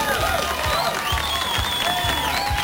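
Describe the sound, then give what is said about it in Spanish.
Steady, dense applause from a crowd on the radio station Olímpica, with whistles and cheering mixed in, holding at an even loudness for the whole stretch with no talking. “Hombre, que están siempre desde las 2 de la mañana allí trabajando fuerte y se merecen un fuerte aplauso.”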